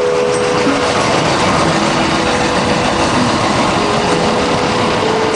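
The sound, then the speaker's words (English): An elevated train roars past on its above-ground tracks, a loud, steady wash of rumbling noise with a thin metallic screech running through it for the whole stretch, without a break. “And I couldn't even imagine living in one of the apartments next to the above ground lines with the train screeching by at all hours of the day.”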